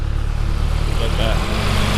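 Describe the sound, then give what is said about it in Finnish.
A tractor's deep, throbbing engine rumbles steadily through the whole moment on the Tiistenjoki village road, a low droning growl with a faint higher whine above it and a brief murmur of a voice midway. “nyt maailman parhaassa paikassa, kun olemme tässä Tiistenjoen raitilla, josta muuten ihan kohta tulee raktori sekä koiraulkoiluttaja.”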